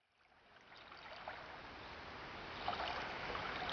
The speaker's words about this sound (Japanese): やがて、岸に寄せる波の小さな水音がし、目の前に湖の水面が開けた。